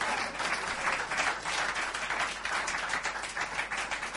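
A crowd applauds steadily, many hands clapping in a dense, even wash of sound that holds at a constant level throughout, with no voices rising above it.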